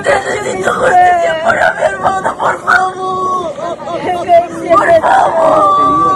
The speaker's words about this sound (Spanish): Son los gritos de la desesperación. Entre lágrimas y lamentos, los familiares de las cinco personas acribilladas por militares en el distrito de Colcabamba, en Perú, claman por la justicia.